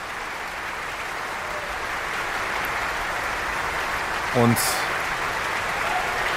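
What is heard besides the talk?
concert audience applause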